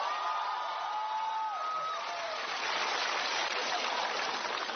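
On the show Xiao Ao Jiang Hu, an audience breaks into loud, sustained applause and cheering to open a rock-concert-style Qinqiang act, a dense steady roar of clapping that holds for the whole stretch, with a few high whistles and whoops rising out of it early on.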